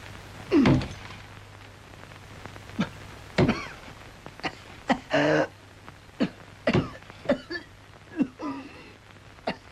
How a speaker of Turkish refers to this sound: Ah canım, nasıl da hönk hönk öksürüğü.